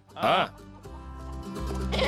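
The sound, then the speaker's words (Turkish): A goat lets out a loud, wavering bleat, followed by lower murmuring voices and a second shorter bleat near the end; goats being let out on a farm into an area enclosed by an electric fence. “Keçileri salalım hadi.”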